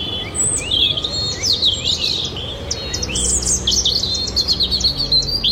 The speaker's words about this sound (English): No, it's a robin. I thought it's it was... a robin? It's a robin, yeah. I thought thrush, but it's a robin.